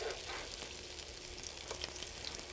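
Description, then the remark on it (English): Steady sizzling of food frying in a 350-degree electric frying pan, a dense crackling hiss with scattered pops and spits, continuous and fairly loud with no voices. “So the idea is let these kind of cook off. They come up pretty fast, right? I'm in a 350-degree frying pan.”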